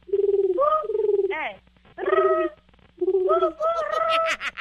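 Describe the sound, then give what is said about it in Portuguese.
A woman imitates a pigeon's cooing as a contest challenge: three throaty, warbling coo phrases in a row with short pauses between, fairly loud, the last rising and breaking upward. “Mas, ó, vai ter que imitar o barulho de um pombo, consegue?”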